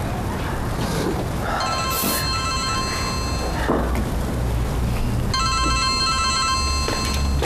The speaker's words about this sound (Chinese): 接个妈电话。